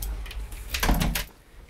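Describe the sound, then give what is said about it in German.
A door is pulled shut with a short scraping slide and a dull knock, followed by quiet ambience. “Die Tür zu.”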